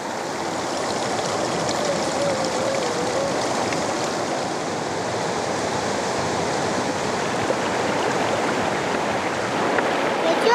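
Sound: river water flowing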